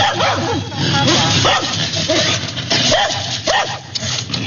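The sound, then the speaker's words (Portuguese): Several abandoned, hungry dogs in an abandoned building bark and whimper continuously, with high-pitched yips and whines overlapping in a dense, restless, fairly loud chorus. “É, mandou a foto aqui, mandou vídeo também dos cachorros abandonados e com fome num prédio abandonado.”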